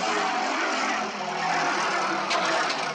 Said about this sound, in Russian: Перед домом останавливается презентабельного вида легковой автомобиль. Вышедший водитель открывает пассажирскую дверцу.